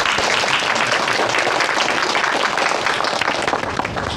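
At a ribbon-cutting opening ceremony for a pottery shop, a crowd applauds steadily for about four seconds, a dense, even wash of many hands clapping at once with no voices over it, holding loud throughout and easing only slightly at the end.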